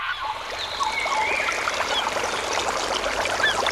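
A stream babbles and splashes steadily at close range, a continuous bright watery rush, with a few faint bird chirps in the background.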